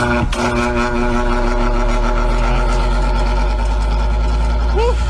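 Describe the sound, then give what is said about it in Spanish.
An electric fan is switched on during an Olímpica radio broadcast and settles into a steady, loud motor hum with a layered tonal whine. It drones evenly throughout, with a brief vocal sound near the end. “Ahí prende el ventilador.”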